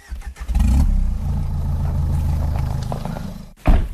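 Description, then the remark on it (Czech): A car engine turns over and settles into a steady, low rumble as the vehicle pulls away to drive out of the forest carrying a hunted wild boar, briefly cutting out before a short burst of clatter at the end. “Musíme ho dostat do auta a z lesa ven.”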